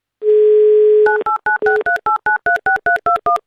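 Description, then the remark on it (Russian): A steady telephone dial tone hums for about a second, then gives way to a quick run of roughly eleven short two-pitch keypad beeps as an Avtoradio host dials a listener's phone number live on air. “И дабы вам эту возможность предоставить, я набираю ваш номер.”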